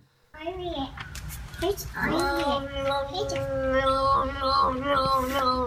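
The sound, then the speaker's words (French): A cat named Peanut, found on the Internet, yowls in a long, warbling run of cries that flip up and down in pitch like yodeling, loud, continuing for several seconds. “Ah mais là c'est un truc de ouf, un chat yodeleur.”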